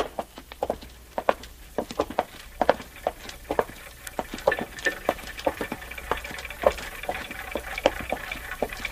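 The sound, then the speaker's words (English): A dense chorus of more than 100 clocks in one room ticking out of step, sharp clicks overlapping in an uneven, continuous patter at moderate volume, with no voices. “You mean the clocks, madam? There are more than 100 clocks in this room.”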